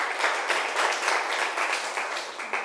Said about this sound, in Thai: นักเรียนปรบมือให้ตัวเองหน่อยครับ